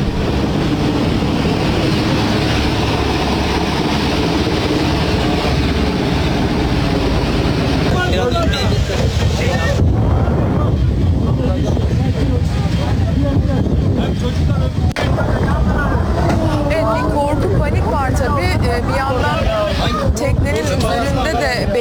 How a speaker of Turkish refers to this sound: İşte helikopterlerle tahliyenin yapıldığı o anlar yine yolculardan biri tarafından cep telefonuyla çekilmiş.